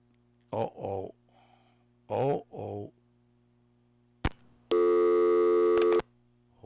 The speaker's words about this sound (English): Uh-oh. It's buzzing. Here we go. All right. I thought something was happening to the line here.